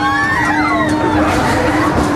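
Many people scream together on the fairground ride Belantius Rache, a large swinging-ship ride that also spins around itself, high wavering shrieks rising and falling over a loud, steady wash of noise and a constant mechanical hum, measured at 92.2 decibels.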